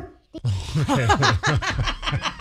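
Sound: dog vocalizing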